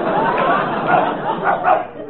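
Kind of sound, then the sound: animal, dog barking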